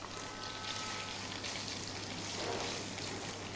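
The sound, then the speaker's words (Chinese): Dried tofu stir-frying over high heat in base oil left in a hot wok after the meat was removed gives a steady, dense sizzle and crackle that swells slightly midway, with a faint low hum underneath and no one talking. “好，我们在炒香干的时候，因为我锅里已经有底油了，这个时候要调成大火来爆炒。”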